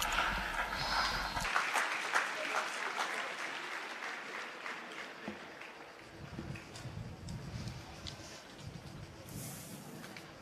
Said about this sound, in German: Lasst sie uns grüßen mit einem schönen Applaus.